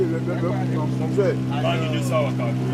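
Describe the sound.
A steady, droning 15-horsepower outboard motor, the only motor, mounted on the rearmost of a raft of pirogues tied together with ropes, hums continuously, its low engine tone unbroken throughout, while voices talk over the top of it.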